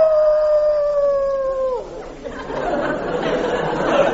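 A dog lets out one long, steady howl that slides down in pitch as it ends, followed by a murmur of indistinct background noise and chatter.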